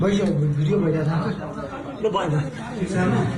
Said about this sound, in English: That's the sound of first responders and others in Nepal rescuing a woman who was found alive in the rubble 10 days after the devastating floods hit the country.